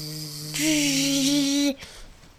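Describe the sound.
A voice imitates a mosquito with a single sustained, buzzy "bzzz" lasting about a second, loud and steady in pitch, following a low, even hum.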